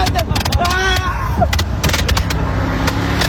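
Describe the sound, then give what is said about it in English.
Fireworks launched from a moving truck along Highway 97 on July 4th go off in a rapid, irregular string of sharp pops and crackles, with a few rising whistles early on, all over a steady low engine rumble. “Investigators say fireworks launched from a moving truck you heard there ignited dry grass along Highway 97.”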